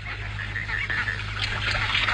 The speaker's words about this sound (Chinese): 天鹅，那不就是天鹅吗？